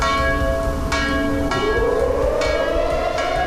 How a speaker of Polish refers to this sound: W Muzeum Powstania Warszawskiego pamięć bohaterów uczciły tłumy mieszkańców. O 17 zabrzmiał dzwon Monter.